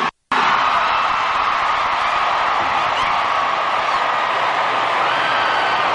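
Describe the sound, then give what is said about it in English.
A huge crowd of girls screams and cheers at Shea in a continuous, loud, high-pitched roar that starts abruptly after a split second of silence and never lets up. “Well, you know, it was because it was like all the girls screaming.”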